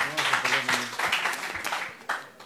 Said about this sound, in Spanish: Aplausos, por favor. Respuesta correcta.